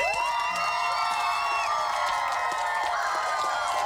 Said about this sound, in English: just big round of applause for them.